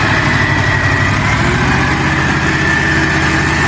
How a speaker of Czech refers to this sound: dívej se, starodávný stroj a furt to jede.